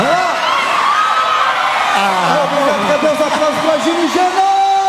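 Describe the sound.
A crowd cheers steadily, with high whoops and shouted voices rising and falling over a constant roar and a faint patter that may be clapping.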